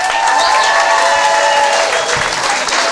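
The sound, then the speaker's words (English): Sustained applause from a sizable crowd for the wait staff, a dense, steady wash of clapping hands that stays loud and even for the whole stretch, with no voices standing out. “Also, how about a round of applause for your wait staff?”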